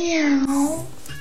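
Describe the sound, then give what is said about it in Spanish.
A single drawn-out cat meow, fairly loud, its pitch sliding downward before trailing off, with no talking around it. “El gato oculto de Fren no se traga los cuentos sobre el Mayo y Rocha Moya y maulla que los gringos saben todo.”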